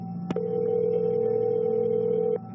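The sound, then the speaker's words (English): A short click, then a steady electronic telephone tone holds for about two seconds before cutting off, as a man calls 911 on his cell phone after a plane crash. Fairly loud, with no talking. “Billy found his cell phone and called 911”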